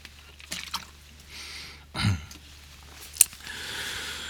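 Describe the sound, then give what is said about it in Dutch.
Water is poured into a glass to drink. A soft thump and a sharp click come first, then a steady, quiet stream of liquid near the end, with no talking. “Nog een beetje water nemen uit voorzorg.”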